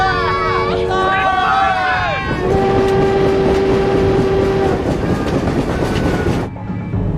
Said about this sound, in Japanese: 機関長、南京始発の役人専用列車はあと15分ほどに駅着いた。